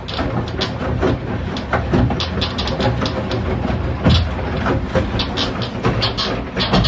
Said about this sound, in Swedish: Igår har jag då varit hemma och filma min tvättmaskin. Ja. Och för alla tvättmaskinsmontörer där ute, jag ska visa åt er nu hur min tvättmaskin låter när den tvättar. Så här låter den.